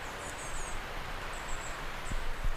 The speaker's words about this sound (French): Le brouillard ici s'est levé. Grand ciel bleu, symphonie de lumière et de ces petits gazouillis d'oiseaux.